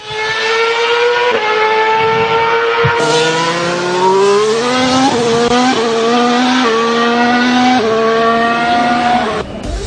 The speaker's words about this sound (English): Those are the sounds of various Formula One vehicles,